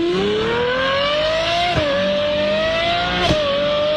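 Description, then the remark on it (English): A voice imitates a screaming Formula 1 V12 engine over the phone, a loud continuous high-pitched whine climbing steadily in pitch, broken by two quick gear-shift drops before rising again. “That's a screaming F1 V12.”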